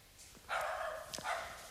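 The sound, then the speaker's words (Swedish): A dog gives two drawn-out, slightly whiny barks in quick succession, moderately loud, with no one talking over them. “Nu fick vi ett bekräftelse på det från hundens mun.”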